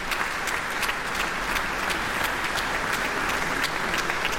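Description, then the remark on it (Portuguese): Sustained applause from the concert audience in the grand auditorium of the Calouste Gulbenkian Foundation for the Orquestra Metropolitana de Lisboa and conductor Pedro Neves after Joly Braga Santos's Divertimento No. 1, a dense, steady wash of clapping at even loudness, no voices standing out. “Aplausos do público presente no grande auditório da Fundação Carlos de Gulbenkian para a Orquestra Metropolitana de Lisboa e para o maestro Pedro Neves, que acabou de interpretar este divertimento número 1 cheio de vitalidade de Jolie Braga Santos.”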